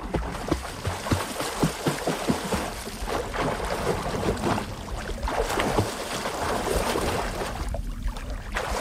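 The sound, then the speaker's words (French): Water splashes and laps steadily, with irregular sloshing bursts, like a body moving through water or a paddle stroking, against a continuous watery wash and no voices. “Voilà, bruit de clapotis dans l'eau.”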